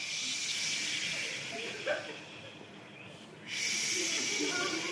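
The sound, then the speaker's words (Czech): A group of voices imitates the sea with a sustained, breathy hissing and shushing that swells, dips briefly into a quieter lull, then surges back loud again. “Jo, jdeme, moře, 3, 2, 1, teď.”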